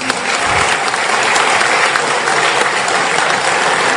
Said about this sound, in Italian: Permettetemi, posso chiedervi di fare un applauso alla nostra moderatrice?